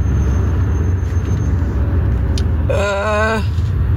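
Car brakes squeal briefly as the driver brakes, a wavering high-pitched whine lasting under a second, rising out of a steady loud rumble of road and engine noise from inside the moving car.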